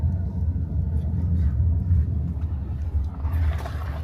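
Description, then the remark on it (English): Steady low engine rumble and road noise from inside a moving police car on a routine patrol of a Roma settlement, a continuous drone with faint rattles and a brief brighter hiss near the end. “We are in the car right now.”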